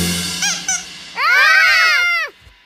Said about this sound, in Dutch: Ach, het is gewoon het piepen van het eendje uit het bad.